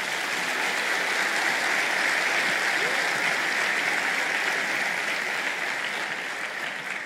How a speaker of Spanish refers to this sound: Dar un aplauso a Jesús.